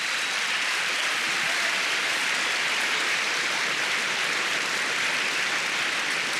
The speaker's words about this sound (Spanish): Dele palmas al Señor.